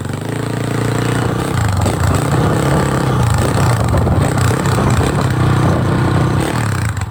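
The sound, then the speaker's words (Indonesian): A motorcycle engine runs loud throughout while being ridden, a steady low rumbling drone with rough mechanical clatter and slight shifts in pitch, and no voices over it. “tengah naik motor.”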